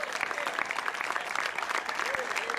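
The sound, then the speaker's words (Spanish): An audience claps loudly and steadily for the Lord, a dense wash of hands filling the whole clip, with faint voices and a brief rising cry mixed into the applause. “Dele un fuerte aplauso al Señor en esta hora.”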